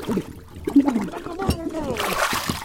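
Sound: water splashing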